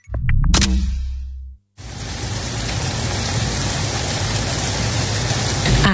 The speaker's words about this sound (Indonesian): Asik, hujan deres. Tidur makin nyenyak nih. Taulah Ikam, suara hujan masuk dalam kategori white noise yang bisa membantu kamu tidur lebih nyenyak.